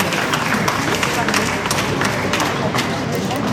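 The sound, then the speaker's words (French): Sustained, heavy, spontaneous applause for Philippe Bouvard from a large outdoor crowd of Cannes residents and visitors gathered in Cannes, a dense wash of many hands clapping at once with a steady, unbroken loudness and no pauses. “des applaudissements nourris, beaucoup d'applaudissements pour Philippe Bouvard.”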